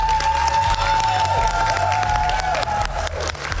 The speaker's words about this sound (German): nochmal einen ganz großen Applaus, oder?